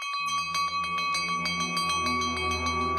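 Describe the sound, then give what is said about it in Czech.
A ship's alarm bell rings rapidly and continuously, a steady clanging rhythm of bright metallic strikes with a sustained ringing tone underneath, loud and alone with no voices. “To je poplach. Všichni na palubu.”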